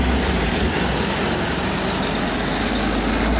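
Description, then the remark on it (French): A heavy truck's engine rumbles loudly and steadily as it leaves an Eiffage Route factory near Roanne, in the Loire department of France, with a deep low drone and broad road noise that holds level for a few seconds, with no voices. “C'est un camion qui quitte une usine pas comme les autres, près de Roanne, dans le département de la Loire.”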